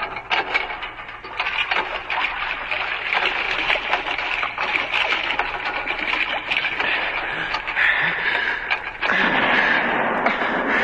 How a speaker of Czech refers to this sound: Poplašných výstřelů vypálili ještě několik, až se pro ně skutečně jedna loď odvážila.